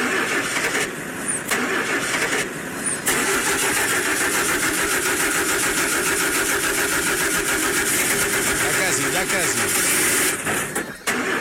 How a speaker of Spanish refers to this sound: ¿Prendemos el carro o no prendemos el carro?